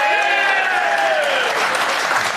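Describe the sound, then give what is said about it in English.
Loud, sustained applause from an audience clapping to vote on a question, dense and steady throughout, with a few cheering voices rising above the clapping. “So clap if you don't think she deserved a ticket.”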